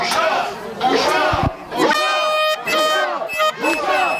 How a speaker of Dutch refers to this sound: Een schande, schreeuwen de demonstranten in het Hebreeuws. Zo'n 30, 40 mensen zijn op het protest afgekomen.